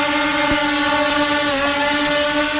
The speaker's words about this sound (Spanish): El otro es un helicóptero y está sobrevolando hace un buen rato el plan de Valparaíso.